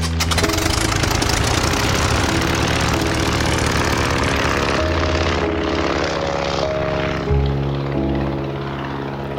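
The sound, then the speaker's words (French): Gianni's propeller airplane roars loudly as it takes off from Turin under an overcast sky on 19 November 1953, bound for Osthofen, a small Alsatian village. Its engine drone is steady and throbbing, with the pitch shifting slightly as it powers up. No voices. “L'avion de Gianni décolle, malgré la menace, direction Osthofen, un petit village alsacien.”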